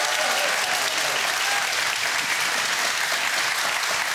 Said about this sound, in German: So, und das Studiopublikum hat vorher geübt und die sind jetzt wahnsinnig begeistert dabei mit einem Applaus für unsere beiden Studiokandidaten.